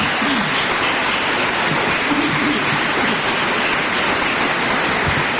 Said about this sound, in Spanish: Denle un aplauso al Señor ahora.